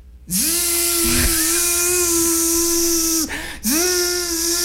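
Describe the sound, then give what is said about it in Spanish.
A pressure washer hose, used to wash car mats hung on a wall at six in the morning, runs with a loud, steady droning whine over a harsh hiss of spray, briefly cutting out once before surging back. No one speaks. “Y pone las alfombras en la tapia y empieza con aquella manguera de presión.”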